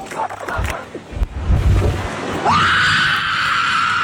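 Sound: loud screaming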